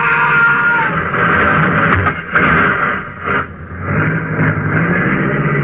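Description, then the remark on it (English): A car engine roars loudly and steadily, with a couple of brief knocks partway through as the car runs over a kid who ran in front of it, and the car keeps driving. No one speaks. “Stop that car, you!”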